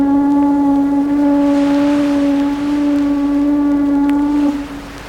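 A ship's horn blows one long, loud, unbroken blast with a deep, steady tone as the ship waits to depart, holding for several seconds before cutting off near the end. No voices are heard.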